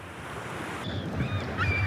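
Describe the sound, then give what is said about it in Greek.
Soft sea waves wash in a steady, low rush, with a faint breathy hiss and a few thin high chirps or squeaks drifting over the surf. No one speaks. “Ακούς τη θάλασσα, μας ψιθυρίζει σιγά.”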